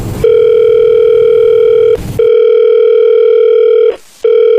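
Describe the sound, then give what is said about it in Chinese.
A steady, loud telephone ringback tone hums in long stretches while a phone call is being placed, broken twice by brief clicks and noisy bursts, with no one speaking. “我说一个电话号，你帮我打过去啊，就是13504那个哎，对，就这个电话打过去”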